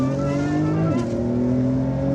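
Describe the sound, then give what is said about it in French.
A race car engine roars loudly and steadily under full-throttle acceleration on a track, its harmonic whine dipping briefly at a gear change about a second in before climbing again. “Voilà, là on peut accélérer à 100%.”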